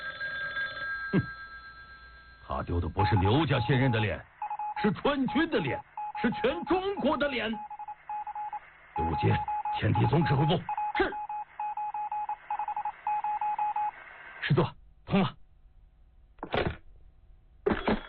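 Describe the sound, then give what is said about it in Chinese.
An old telephone is dialed to connect a call, with bursts of tones and clicks interrupted by voices speaking, ending in a few short sharp bursts; the call is put through for 145th Division commander Rao Guohua to reach Commander Tang. “师座，通了。 我是145师师长饶国华，请唐长官接电话。”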